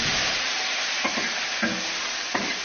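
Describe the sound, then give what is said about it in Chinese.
Steady loud sizzling of food stir-frying in a wok on a stove, with a few sharp metallic scrapes and clanks of a spatula tossing the ingredients, as a cook prepares rustic, spicy raft-workers' dishes by the Yuan River in China. No voices. “而江上的另一种沸腾，则是锅灶的滋味。”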